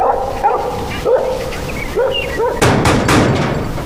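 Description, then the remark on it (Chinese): A dog, the only one at home, barks and yips repeatedly, a string of short sharp calls with a few higher whining notes, ending in a burst of louder, harsher barks. “妈的，就狗在家呀！”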